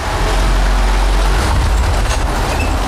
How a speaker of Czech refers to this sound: Přijeli jsme autem před ústí hlavní úpadnice, která vede na třetí patro. Tou budeme autem sjíždět do podzemí.